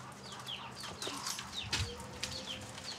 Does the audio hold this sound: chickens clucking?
yes